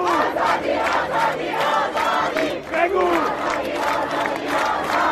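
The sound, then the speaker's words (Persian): A large street crowd shouts a slogan putting the two words 'woman' and 'freedom' together in unison, many voices rising and falling together in a steady chanting rhythm, loud and continuous for the whole stretch. “حالا خیابان همین دو کلمه را کنار هم فریاد میزند.”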